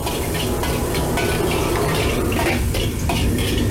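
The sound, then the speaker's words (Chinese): A steady, dense sizzle of minced ginger and garlic frying in a little hot oil in a wok to release their aroma, fairly loud, with a few metal utensil scrapes and clinks from stirring, as the sauce for fried grass carp is started. “下一步开始烹汁，锅中加入少许热油，加入剁好的姜蒜末爆香。”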